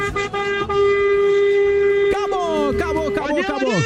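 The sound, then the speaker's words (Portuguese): Car horns honk in protest, holding a loud, steady overlapping chord; around two seconds a sharp blast cuts in, followed by wavering, sliding horn tones mixed with shouting voices. “Acabou o nosso buzinaço, acabou, encerrou.”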